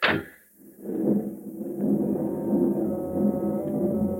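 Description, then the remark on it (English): A passenger train bound for Berlin rumbles steadily along the rails after a brief sharp clank, its low, droning roll holding fairly loud for several seconds with no voices. “Army intelligence will accommodate you on the train.”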